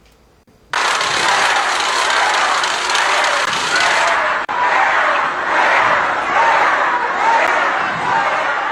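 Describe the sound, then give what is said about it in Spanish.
A large crowd boos loudly and continuously, a dense roar of many voices that holds steady for several seconds with rolling swells, no single speaker standing out. “Tenemos incluso los abucheos.”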